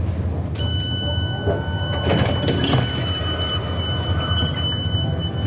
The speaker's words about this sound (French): Nous vous souhaitons la bienvenue sur la ligne R22 du RER Jura, Vaud-la-Cour.